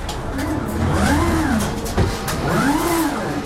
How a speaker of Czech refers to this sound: Jsme v hale velkoskladu a před námi jsou hliníkové konstrukce ve vysokých až 6-metrových sloupcích vyskládané plastové bedny, takzvané biny. Nad nimi jezdí jako věž na šachovnici zhruba rychlostí běhu roboti.